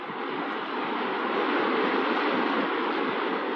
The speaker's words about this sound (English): Oh, look. A waterfall.